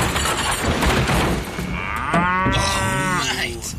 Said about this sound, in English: Yeah, that's gonna hurt. Oh dear. Lucky the farmer has more cows.